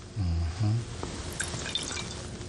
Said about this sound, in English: And then we're going to put in the water.